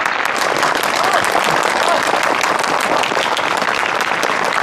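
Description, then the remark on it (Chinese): Loud, sustained applause from a large crowd welcoming honored allied comrades, dense overlapping claps filling the whole stretch at a steady level, with faint voices mixed in beneath the clapping. “最后啊，让我们以热烈的掌声欢迎我们的特殊功臣友军同胞们。”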